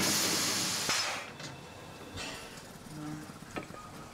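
The historic steam locomotive Molly, just arrived from Bad Doberan, lets out a loud, rushing hiss of steam on a 30-degree day that cuts off after a second, leaving quieter mechanical clanks and a few short steam bursts.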